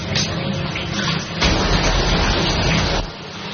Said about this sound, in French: Voilà, là, c'est, là, il se rince, là. C'est foutu du gel douche et du shampoing un peu partout.